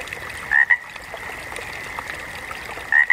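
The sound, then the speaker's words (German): Frogs croak in two short bursts, one early and one near the end, over a steady background chorus and a faint trickle of running water. No one speaks. “Ob Gequake oder Gezwitscher, Idylle ist doch Hauptsache im Grün.”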